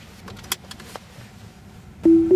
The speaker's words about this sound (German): Ein kurzes Signal und schon fährt das Auto von allein los.